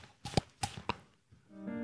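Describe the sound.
Three sharp, hollow slaps on the cheeks in quick, even succession, fairly loud, imitating a flying arrow, followed by a brief steady hum.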